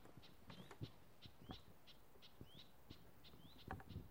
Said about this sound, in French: C'est quelle espèce d'oiseau qu'on entend? C'est des cris, ça, c'est pas des chants, c'est des cris.